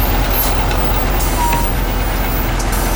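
A crane loads a heavy part weighing roughly 100 kg onto a truck: a loud, steady diesel engine rumble fills the scene, with a few short hissing bursts and faint mechanical clanks over it.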